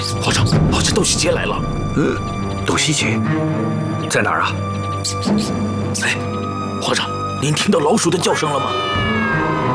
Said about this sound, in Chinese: 老鼠叫有什么稀奇的？ 哎，那猫叫呢？